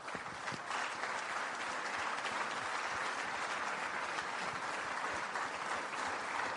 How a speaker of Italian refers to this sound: Dedichiamogli un minuto di silenzio con un grande applauso.